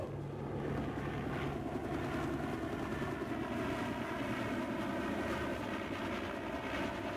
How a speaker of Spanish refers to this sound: El helicóptero empieza a despegarse de cubierta, mientras los guardias continúan apuntando con sus armas.